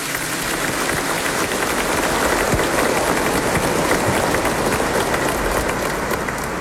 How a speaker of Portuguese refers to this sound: nós queremos acolher todos os romeiros, devotos, peregrinos da mãe, com a calorosa salva de palmas bem forte e bonita.